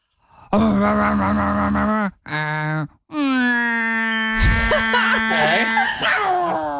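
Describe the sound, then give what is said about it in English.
A person imitates a garbage truck with loud, drawn-out groaning vocal noises in three bursts, the last one sliding into a harsh, hissing rasp midway before trailing off. “Please sound like your best impression of what you think a garbage truck sounds like.”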